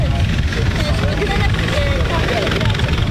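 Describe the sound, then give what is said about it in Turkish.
A coast guard helicopter's steady rotor roar during a search-and-rescue operation as it picks up a survivor, loud and continuous with a deep throbbing low end, while indistinct voices talk faintly beneath the engine noise. “Sahil güvenlik helikopteri de aldı ve başarılı bir şekilde şu anda kurtarıldılar.”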